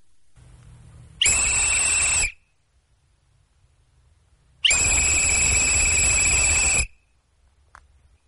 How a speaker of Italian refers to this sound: Poi è arrivato il fischio dell'addio.